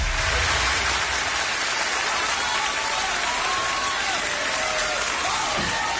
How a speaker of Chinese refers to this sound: 非常感谢大家给我这么热情的掌声鼓励。